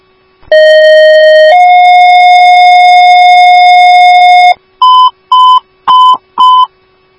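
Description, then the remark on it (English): Fire dispatch alert tones retoning Station 1 and Ambulance 1 for a cardiac call: a loud, steady electronic tone that shifts up to a second, longer tone, followed by four short, evenly spaced higher beeps. No voices. “Retone Station 1 AF and put ambulance 1 and out.”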